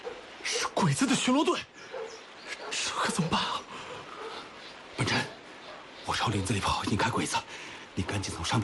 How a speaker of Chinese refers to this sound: 这是周围寨子里的狗。